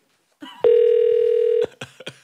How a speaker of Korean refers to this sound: 자, 전화갑니다.